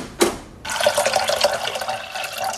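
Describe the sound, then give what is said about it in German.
A short clatter, then a tap turns on and water runs steadily into a pot for a water bath to melt dark chocolate, a continuous splashing rush with a faintly shifting pitch as the vessel fills. “Die muss ich zerbrechen und im Wasserbad erhitzen, damit sie flüssig wird.”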